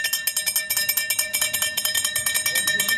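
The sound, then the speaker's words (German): An ice cream van's bell rings rapidly and continuously, bright metallic clangs repeating about eight times a second, steady and fairly loud throughout, with no talking. “Ja, das ist das Klingeln vom Eismann, ist doch ganz klar, ja.”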